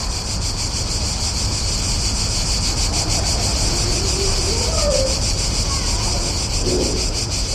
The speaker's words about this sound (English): I've heard the cicada in Bratislava only once before.